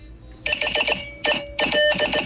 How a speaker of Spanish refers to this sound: Código Morse.